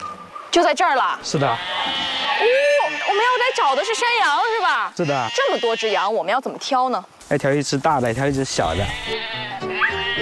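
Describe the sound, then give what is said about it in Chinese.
A crowd of Xuwen goats (Xuwen black goats) in Xuwen County bleats nonstop, many wavering, overlapping loud cries, some calls short and others drawn out, with no pauses across the whole stretch. “我们要来找的是山羊，是吧？”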